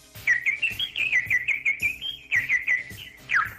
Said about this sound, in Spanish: Pajaritos de cuando acaban de nacer.